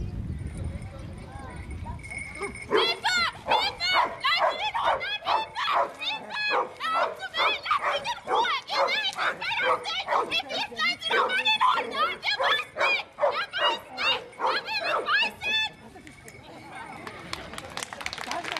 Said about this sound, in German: da die Hunde auch in engen Räumen oder sogar unter schwierigen Einflüssen bei ihrem Ziel bleiben und weiter bellen müssen.